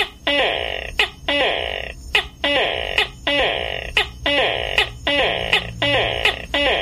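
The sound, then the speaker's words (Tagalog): A voice on the morning radio program Pakurat sa Kabuntagon imitates a tokay gecko's call, repeating the loud, nasal two-part croak about ten times in a steady, evenly spaced rhythm, clear with a faint low hum underneath. “Og sa atong unang lingaw-lingaw karong buntaga pinagis pagtingog sa atong maywaga nga tuko.”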